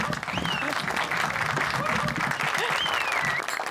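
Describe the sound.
Steady, dense applause from a crowd, loud and continuous throughout, with a few rising whistles and indistinct cheering voices mixed into the clapping.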